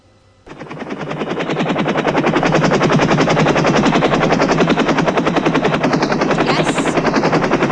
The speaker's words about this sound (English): Helicopter flyby.